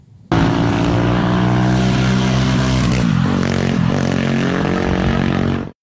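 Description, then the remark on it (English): A car on a slow journey in Wales, its engine humming steadily at low speed, a loud, continuous drone with a slight rise and dip in pitch, starting abruptly and cutting off at the end with no voices. “And a slow car journey in Wales, perhaps.”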